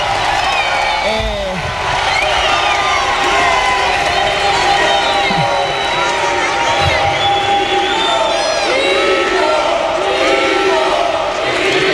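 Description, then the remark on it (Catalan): A large indoor crowd at the Fonteta arena roars in sustained applause and cheering, with shrill whistles and scattered shouts rising above the steady wall of noise for the whole stretch. “La ovació, de la gent en la fonteta.”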